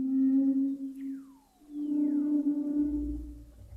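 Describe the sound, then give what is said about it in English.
Haunting humpback whale calls echo underwater in the frigid waters of Antarctica, recorded with special microphones: a long, steady moaning tone, then sweeping downward and upward whoops, with a low rumble building near the end. No voices, just the resonant song. “Using special microphones to capture the haunting calls of humpback whales swimming through the frigid waters of Antarctica.”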